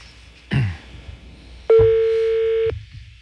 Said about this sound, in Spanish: Sonando. Teléfono del instructor.